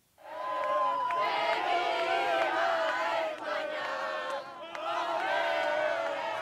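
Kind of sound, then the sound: crowd, football fans cheering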